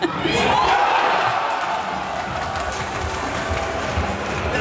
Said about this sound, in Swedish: Men jag var med när slutsignalen ljöd. Jag var med och hörde ett jubel.